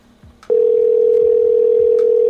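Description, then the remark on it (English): A loud, steady telephone ring tone, as heard by a caller waiting for an answer, starts suddenly after a brief moment of quiet background and holds unbroken to the end. “All they need to do is stop and answer the phone.”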